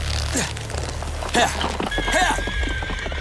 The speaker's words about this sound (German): Der junge Tscherkessenhauptmann bestieg sein Pferd und jagte wild hinein in seine Wälder und Berge, als suche er dort die Verlorene.